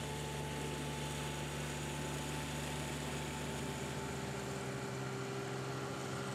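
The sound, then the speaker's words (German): Lawnmowers used by golf course staff to maintain the fairways run in a steady, unbroken drone, a low motor hum with higher whining tones over a broad mechanical rush, holding an even loudness throughout with no voices. “Auch im Winter rücken die 25 Mitarbeiter mit ihren Rasenmähern aus.”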